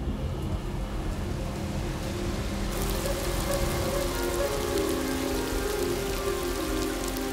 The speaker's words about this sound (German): Die Regengüsse sind nur kurz, aber heftig. Die Kragentrappe will keinen der kostbaren Tropfen verpassen. Der Regen ist eine Erlösung für das trockene Land und die Vögel.